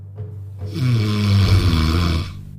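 A single loud snore from a sleeping person, lasting well over a second, a rough rattling breath with a low droning buzz and raspy hiss that swells and then cuts off.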